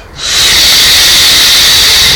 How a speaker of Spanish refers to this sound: Respiro y exhalo.